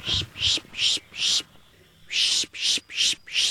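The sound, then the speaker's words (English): A person in a Florida park makes repeated loud, high-pitched calls in quick rhythmic bursts, four, then a short pause, then four more, imitating a bird to draw in the next scrub jay group on a census list. “she calls out to attract the next scrub jay group on the census list.”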